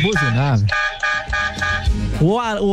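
Several loud, blaring car horn honks in quick succession, with some tones warbling up and down like an alarm, short toots in the middle and a wavering blast at the end.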